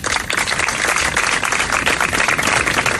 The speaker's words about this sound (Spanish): Así terminaba, Javier, ese emotivo acto de ayer tarde con estos aplausos.